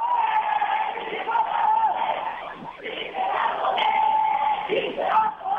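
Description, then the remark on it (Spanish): A large crowd of protesters in Asientos chants the slogan 'Sí, se va a poder' together, loud and sustained, with the rhythmic phrase rising and repeating in waves of massed shouting voices. “Sí, se va a poder, gritan algunos manifestantes”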